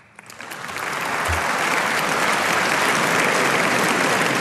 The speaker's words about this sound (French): Et cette histoire, elle commence dans une salle de concert sous les applaudissements d'un public conquis, attention, imaginons.